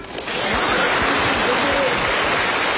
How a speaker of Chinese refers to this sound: 接下来在我演唱之前，各位朋友能不能给我一点热烈的掌声好吗？